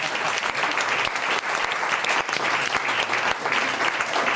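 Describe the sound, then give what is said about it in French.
Sustained applause from a crowd supporting a guest during a game segment after a wrong answer, dense and steady clapping filling the whole stretch at a fairly loud level, with no voices standing out. “Oh, on le soutient par applaudissement.”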